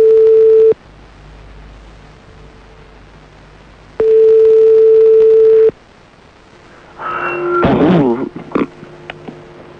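A phone ringback tone of a call to a mobile phone sounds twice, each a steady, clear electronic beep of over a second separated by a long pause, before someone answers and starts speaking over the line.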